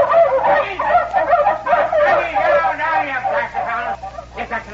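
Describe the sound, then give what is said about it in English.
A pack of dogs, having broken out on hearing a woman's voice, barks and yelps continuously in an overlapping, excited chorus, fairly loud, with no clear pauses over several seconds. “The dogs busted out when they heard a woman's voice.”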